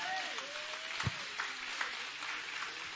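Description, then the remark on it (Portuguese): An audience at a Portuguese-language church service claps their hands in a dense, continuous wash of applause for about three seconds, with a few sharper claps standing out and a faint voice-like tone drifting underneath. “Bate as palmas bem alegre.”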